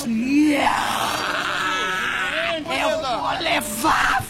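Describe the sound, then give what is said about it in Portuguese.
A woman screams and groans loudly and continuously during a church deliverance service, while a preacher commands Satan to leave her in the name of Jesus; her strained voice rises and wavers, with sharper high-pitched cries near the end. “Dá o teu grito de derrota, Satanás.”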